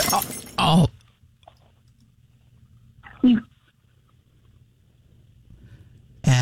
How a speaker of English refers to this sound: I just heard glass drop.